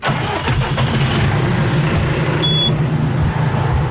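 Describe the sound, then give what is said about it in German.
A heavy tractor engine rumbles steadily, its low throb holding for several seconds as the tractor pulls away towing a trailer with four large water tanks, heading down a hill to a hydrant near a village to fetch water. No one speaks. “Der Traktor und ein Anhänger mit vier großen Wassertanks ist parat.”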